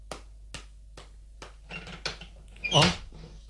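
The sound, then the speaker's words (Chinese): Four evenly spaced knocks, then a wooden door creaks open with a drawn-out, squeaky groan as someone opens it to see who is knocking. “咦，边个敲门呢？ 等我开门睇下先”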